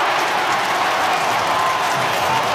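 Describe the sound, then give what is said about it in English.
A large stadium crowd roars and applauds in a dense, sustained wash of cheering that stays loud and steady throughout, with no distinct voices standing out, after Harry Mackay kicks a goal for the Blues. “Couple for Mackay. Big crowd happy.”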